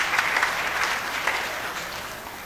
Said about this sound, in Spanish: Entonces queremos agradecer a las comunidades que estuvieron presentes. Janteca, hermanos, de Chilbe, Sagrada Familia. Fuerte aplauso a los hermanos.